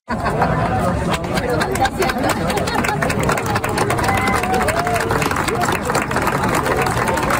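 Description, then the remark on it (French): A dense crowd of about 300 to 400 people, including Montreal Jamboree scouts, gathered to watch the sunset murmurs continuously, overlapping voices forming a steady babble, with bursts of clapping and shouts rising at moments throughout. “les gens sont rassemblés, il y a foule et il y a des applaudissements”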